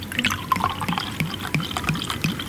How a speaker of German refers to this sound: Und jetzt schenken wir ein das erste Glas neuen Süßen dieses Jahr.